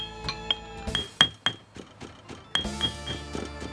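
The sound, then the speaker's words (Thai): Dried chilies being pounded in a mortar: a series of sharp, irregular pestle strikes, each with a bright ringing clink, at moderate loudness with no voices. “นำพาพริกแห้งลงครกยกสากโคลกต่อไป”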